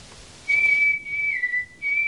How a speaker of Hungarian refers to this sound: Fütyült a fickó.